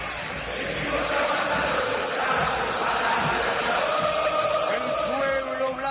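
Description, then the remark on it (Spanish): A large stadium crowd at the Monumental chants together in a dense, sustained roar during a football match against Atlético Tucumán, many voices carrying a rising and falling melody at a steady, loud level for the whole stretch. “Escucha el Monumental, levantame Águila.”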